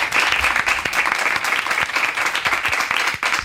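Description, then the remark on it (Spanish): Steady audience applause for a TV programme's production team, a dense patter of many hands clapping at once, sustained and fairly loud throughout with no voices standing out. “Dadles un aplauso, por favor, os lo pido.”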